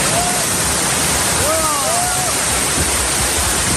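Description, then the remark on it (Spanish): Heavy rain pours down on the tents of an encampment at Puerta del Sol in a loud, steady, hissing roar that never lets up, with a few faint voice-like calls rising briefly through the downpour. “Así ha caído, por ejemplo, el agua sobre la acampada de la Puerta del Sol, que la gente que estaba allí acampada pues ha intentado cubrirse del temporal como buenamente ha podido”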